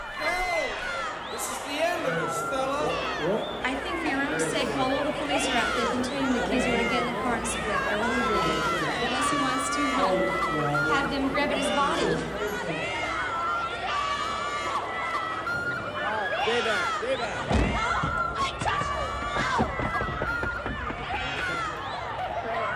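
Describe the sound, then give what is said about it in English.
A dense crowd of many voices chattering and calling out at once, with occasional whoops and children's shouts rising above a steady, loud babble that runs throughout. “That's quite a crowd.”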